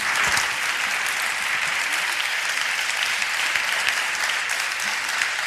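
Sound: audience applause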